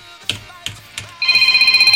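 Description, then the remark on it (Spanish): Three sharp clicks are followed by a telephone starting to ring, a steady high-pitched electronic trill that pulses rapidly and continues loudly to the end. “A ver, contéstate la.”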